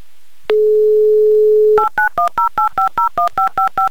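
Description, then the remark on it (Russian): A steady dial tone hums for about a second, then a quick, evenly spaced run of about eleven loud keypad beeps dials a phone number in the town of Kotovsk, with no voices. “Набран номер телефона Яны, звоним в Котовск.”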